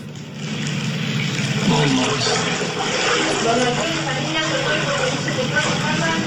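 Steady sloshing and splashing of people wading through deep, dark sewer floodwater inside a house, a continuous churning wash, with muffled voices talking faintly underneath.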